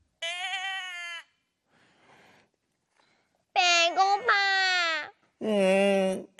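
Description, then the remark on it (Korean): A cat meows insistently, sounding hungry and annoyed: one drawn-out whining meow, a pause, then three loud, bending wails in quick succession, with no talking. “약간 배고파서 짜증이 난 고양이 소리일 것 같아.”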